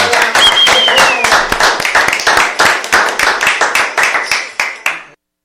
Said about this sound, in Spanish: ¡Aplauso!